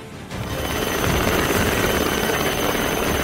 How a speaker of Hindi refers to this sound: गुजरात के नवसारी की ये तस्वीरें देखिए, यहाँ समंदर में फंसे मछुआरों को एयरलिफ्ट कर सुरक्षित बचाया गया। समंदर में एक नाव के डूबने की स्थिति में होने की जानकारी मिलने पर कोस्ट गार्ड ने तत्काल हेलीकॉप्टर के जरिए रेस्क्यू ऑपरेशन शुरू किया